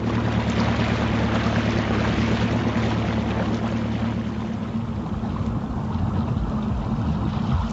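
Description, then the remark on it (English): A motor launch chugs steadily on the river, its low engine drone and hum constant throughout, mixed with wind rush and splashing water, loud, with no talking. “Who's in that launch?”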